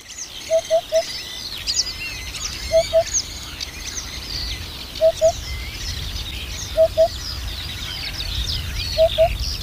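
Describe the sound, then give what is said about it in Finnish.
Several birds sing and chirp continuously outdoors at the Mussalo golf course in Kotka, Finland, on a windy, rainy early-summer midday, over a low rumble of gusting wind, while a lower, hooting call of two or three quick notes repeats about every two seconds. “Ei, en ole paikalla lentävien golfpallojen vuoksi, olen paikalla lintujen vuoksi.”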